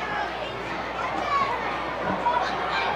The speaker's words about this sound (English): And these kids are starting to chant his name. He's a famous person in this area.